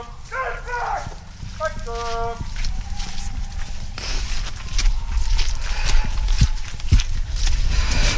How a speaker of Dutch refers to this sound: Vanuit het veld lopen we tussen de stallen. De plek waar de jacht begon. We zien dat er paarden weer in de wagens worden geladen.